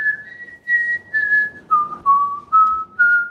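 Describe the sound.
A person whistles the melody of the song from a deodorant spray advert for a morning radio quiz, a clear steady tone stepping between a few sustained notes and then dropping slightly lower, with no talking over it.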